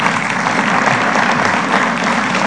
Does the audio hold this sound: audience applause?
yes